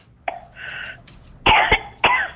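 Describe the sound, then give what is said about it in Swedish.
A person coughs several times in quick succession, a few harsh bursts after a short throaty rasp, with no talking. “Uff, jag är redan hosta.”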